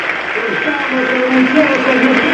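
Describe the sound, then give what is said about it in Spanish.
A stadium crowd in Argentina applauds the Argentine national team in a dense, steady wash of sound, with many voices rising through it at a constant, loud level, while Colón and Chaco For Ever players stand at midfield. “Escuchan la voz del estadio, orgullosos por la selección argentina, y el aplauso conmovedor desde los cuatro costados, con los jugadores de Colón y Chaco Forever en la mitad de la cancha.”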